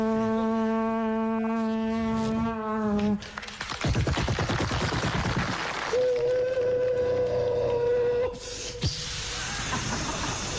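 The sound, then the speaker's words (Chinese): A voice imitates a train running from Saga to Tokyo: a droning whistle-like hum, then fast rhythmic chugging puffs, a second steady higher whistle, and a closing hiss of escaping steam. “行了行了，别说 啊， 你学的还真像， 像林如， 像火车。”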